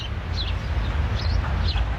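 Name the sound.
wild birds calling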